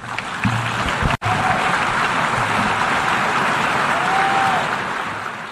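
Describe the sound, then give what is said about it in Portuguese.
A crowd at the Assembly breaks into sustained applause after a speech by Lula, a dense, steady wash of clapping that holds at an even loudness throughout, with a brief cut partway through and no voices over it. “Lula também foi aplaudido na Assembleia quando elogiou a ONU pelo reconhecimento do tráfico de africanos escravizados como crime contra a humanidade e quando cobrou medidas internacionais para o combate ao assassinato de mulheres.”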